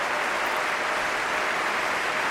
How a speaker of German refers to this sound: und für sein ganzes Orchester, dass er jetzt nochmal alle aufstehen lässt. Sie hören den Jubel.